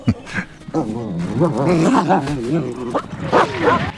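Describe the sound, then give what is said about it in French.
A dog, Odin from the film Heart of the Beast, barks in short bursts, mixed with drawn-out, wavering whines and yelps that rise and fall over a few seconds, fairly loud against a quiet background. “Un regard, une attitude, une hésitation, et il arrive à faire passer des émotions sans prononcer une seule parole, à part un ouaf de temps en temps.”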